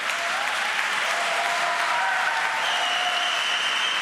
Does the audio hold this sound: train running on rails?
no